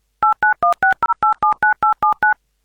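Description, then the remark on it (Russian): A phone number being dialed on a third attempt to call back after connection problems: about eleven crisp touch-tone beeps in quick, even succession, each a short dual-pitched tone, clear with no one talking. “Нужно набрать номер. Давайте наберем номер.”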